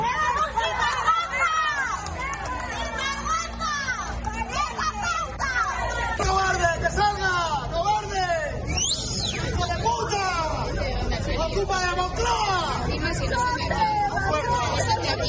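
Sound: crowd shouting insults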